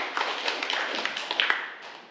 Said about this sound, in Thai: อย่างที่เพื่อนๆเราได้ตอบมาทั้ง3คนก็ถือว่าเก่งมากๆเดี๋ยวขอเสียงปรบมือให้กับเพื่อนของเราอีกครั้งหน่อยนะครับ